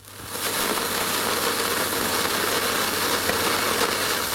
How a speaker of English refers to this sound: Oh, unfortunately, Hannah, the firework fizzled out.